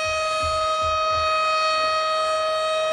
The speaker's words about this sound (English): This siren's killing it. It's awful.